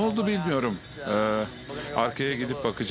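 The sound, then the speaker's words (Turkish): A steady, loud hiss of air escaping from a ruptured air hose on the second car of a stopped Alaska Railroad train runs continuously beneath a man speaking, the rushing noise never letting up through the whole stretch. “İkinci vagondaki hortum parçalanmış.”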